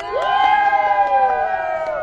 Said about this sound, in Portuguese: E a torcida aqui atrás tá muito grande. A galera vai gritar agora, vocês vão ouvir como é que tá a torcida dos brasilienses. E aí, galera?